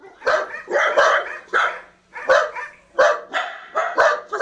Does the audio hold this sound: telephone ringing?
no